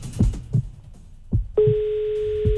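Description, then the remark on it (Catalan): A steady electronic phone ringing tone of an unanswered outgoing call sounds once for about a second, fairly loud, after a few soft low thumps and rustles. “el Dani no ens agafa el telèfon”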